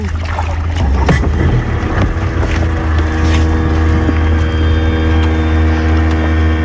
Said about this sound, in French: On va aller faire un petit tour de bateau sur le lac. En plus, il fait beau, donc on va profiter un peu du beau temps.